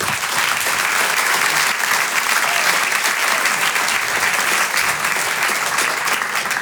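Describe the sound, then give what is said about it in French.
Sustained, loud audience applause welcoming a comedian onto the Stand Upper stage, a dense and steady wash of many hands clapping at once with no talking over it, holding at the same level throughout. “Je vous demande un tonnerre d'applaudissements maintenant pour l'artiste qui va nous rejoindre à Stand Upper.”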